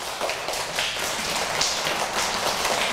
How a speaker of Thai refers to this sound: แล้วเราสามารถทำเสียงให้มันดังได้ไหมคะ ได ้ได้อันไหนลองปรบมือดัง